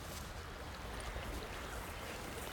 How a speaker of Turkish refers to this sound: Küçük bir dere. Su.